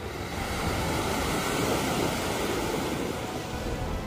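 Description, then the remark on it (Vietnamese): Heavy surf churns and crashes continuously in heavy rain, a dense roaring wash of very rough sea with wind noise, loud throughout, with no voices. “Trưa 26 tháng 9 năm 1950, trời mưa to, biển động mạnh dữ dội.”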